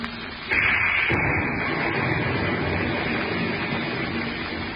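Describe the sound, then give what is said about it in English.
A sudden loud crack of thunder breaks in and rolls into a sustained, rumbling roar of a heavy storm over the Pacific Ocean that stays heavy for several seconds, fading only slightly toward the end. No voices. “You were not aware that each moment also carried you closer to the center of a heavy storm that thundered over the vast Pacific.”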